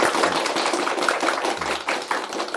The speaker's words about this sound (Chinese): 今天呢，我们特别特别高兴啊，为大家邀请到了国家语委咨询委员、中国传媒大学的姚喜双教授，我们掌声欢迎。